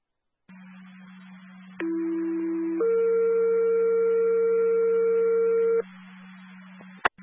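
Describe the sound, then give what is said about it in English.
A two-tone dispatch alert sending a second medic to a medical call at Crandall School, 150 Brainerd Road: a lower steady tone for about a second, then a higher, louder tone held for roughly three seconds, over a constant electrical hum and ending with a sharp click. “They need another tone or another medic.”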